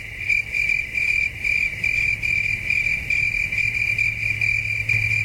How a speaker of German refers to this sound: Das Zirpen der Zikaden kommt vom Band, die Kulisse ist echt.